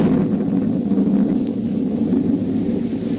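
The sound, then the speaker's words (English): A deep, steady roll of thunder rumbles continuously during a lightning storm, loud and low without a sharp crack, with no voices present. “And then the lightning came again.”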